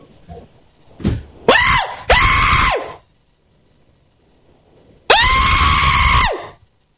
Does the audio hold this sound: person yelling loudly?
yes